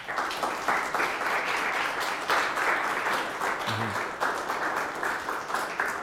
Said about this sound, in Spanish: Le damos un aplauso.